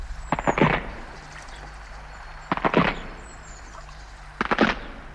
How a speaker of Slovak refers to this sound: Aj to praskanie lávky, čo sa po tebou zlomila, sa nám zdá zíde.